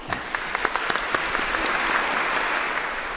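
A crowd at a diocesan procession applauds the designer of the procession banners steadily, the clapping starting with a few distinct claps and quickly swelling into a dense, sustained round of applause from a sizeable audience.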